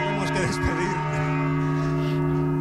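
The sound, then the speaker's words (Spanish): Large cathedral bells ring loudly, heard from inside the bell tower of the Cathedral of Alcalá, their deep overlapping tones humming and sustaining throughout, with a faint voice murmuring briefly early on beneath the resonant clang. “Escuchando el sonido de las campanas desde el interior del campanario de la Catedral de Alcalá, desde el interior del campanario de la Catedral de Mondoñedo.”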